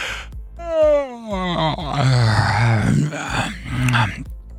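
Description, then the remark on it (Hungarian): A long, drawn-out yawn with a voiced sound sliding downward in pitch, followed by more groaning yawns, fairly loud, with no clear speech. “A drága hallgatóinknak kíváncsiak vagyunk, hát ásítunk.”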